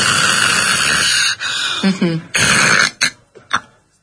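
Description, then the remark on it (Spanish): A person imitates loud, raspy snoring with an apnea: long rough snorts, a pause in breathing, a brief voiced gasp as breathing resumes, another harsh snore, then a few quick fading puffs of breath. “Una persona que ronca y hace una apnea y vuelve a respirar, ¿no?”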